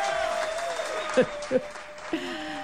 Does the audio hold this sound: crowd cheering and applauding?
yes